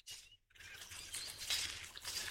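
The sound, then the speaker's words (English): Crackly rustling of eucalyptus leaves as a koala tugs and strips a branch while feeding on Raymond Island, southeastern Australia, on a warm, clear autumn evening, starting after a brief pause and continuing as a dense, scratchy patter. No one speaks. “and tugging at the branch to pull off some more leaves.”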